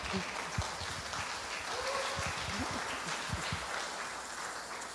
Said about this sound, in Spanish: Y el aplauso.